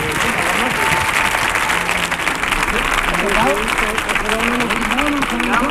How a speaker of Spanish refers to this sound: ¡Fuerte el aplauso para los cuatro! ¡Vamos allá!